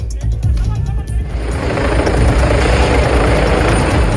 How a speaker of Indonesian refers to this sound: Helikopter ambulans udara mendarat di Trafalgar Square, London, Rabu 5 Agustus.